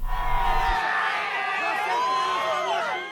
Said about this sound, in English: Crowds cheers right-wing senator and presidential hopeful Flavio Bolsonaro arrive for an event in Sao Paulo.